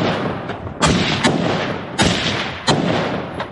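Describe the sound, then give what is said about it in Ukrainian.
Several sharp, booming gunshots ring out at irregular intervals, some loud and some softer, each trailing into a rumbling wash of noise, with no voices, as Ukrainian fighters of the patrol police brigade Khyzhak shoot at an enemy drone waiting on a roadside. “На цих кадрах українські бійці розстрілюють ждуна.”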